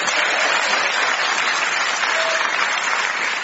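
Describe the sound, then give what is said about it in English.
Steady, dense applause from an audience welcoming a comedy show's panel, including Clive Anderson, at a show recorded in a prison: a continuous crackling wash of many hands clapping at even loudness for the whole stretch, with no voices heard over it. “Please clap your hands if you're not shackled to a screw for Phil Jupiter's Joe Caulfield and Clive Anderson.”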